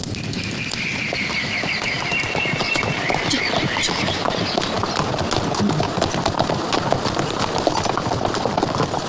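The horses of a merchant caravan clip-clop in a dense, overlapping rhythm that never lets up, steady and fairly loud, with faint bird chirps threading through in the background.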